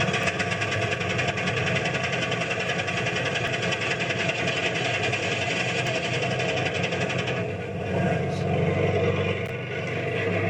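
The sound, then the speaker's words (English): A crane engine drones loudly and steadily throughout as a large motor is lowered and set onto its footing, a continuous mechanical rumble and whir that shifts slightly in tone near the end. “It's not every man that can set a motor this size in the first try.”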